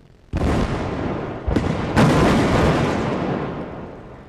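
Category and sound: impact, explosion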